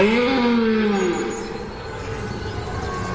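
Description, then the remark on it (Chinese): A young male European red deer, covered in mud, warms up its voice with a drawn-out, tonal bellow that slides downward in pitch, then trails off into rough, breathy grunting noise, with no talking. “雄壮的鹿角、泥巴和站姿，它必须处理好所有细节，先暖一下嗓子。”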